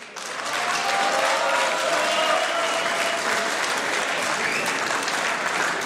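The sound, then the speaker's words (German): An audience claps steadily for about six seconds, welcoming the reigning strawberry queen and a strawberry farmer onto the stage, a dense, even wash of many hands at a constant loud level with no voices standing out. “Das ist euer Applaus.”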